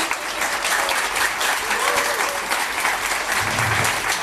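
A crowd at an album release concert at the Bergson applauds steadily and loudly throughout, a dense wash of clapping that fills the whole space with no pauses, a faint voice or cheer briefly surfacing underneath.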